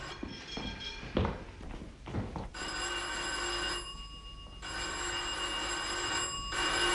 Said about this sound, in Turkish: Aa, yeter oğlum, sürekli çalmaz zili.